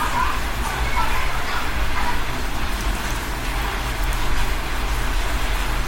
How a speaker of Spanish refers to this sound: No, primero escuchemos la lluvia torrencial que está cayendo aquí en Medellín.